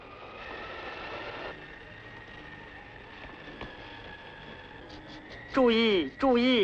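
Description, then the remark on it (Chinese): An express train bound for Vienna rolls into a station with a steady, droning mechanical hum and light rattling, followed near the end by two loud, warbling whistle-like blasts. “注意，开往维也纳的快车到了。”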